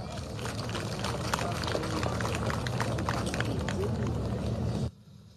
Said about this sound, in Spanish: Vamos a invitar al presidente de los consejos educativos de los cinco municipios del trópico. Recibimos con un fuerte aplauso al hermano